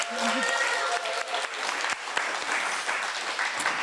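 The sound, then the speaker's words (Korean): An audience at a music performance claps steadily for the musician. The applause is dense and fairly loud, with a brief voice or whistle-like tone rising over it at the very start. “박수 한번 주실까요? 한번 더.”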